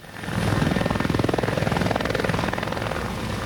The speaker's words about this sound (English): Helicopters buzzing through the air, ferrying firefighters who've contained a blaze burning in Almería province.